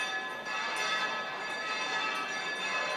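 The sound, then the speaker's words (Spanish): Church bells ring continuously as a prelude to the start of the San Lorenzo procession, their overlapping metallic tones blending into a dense, sustained clangor at steady loudness, with no voices heard. “Ahí estamos escuchando el ambiente de las campanas como preludio de inicio de esta procesión.”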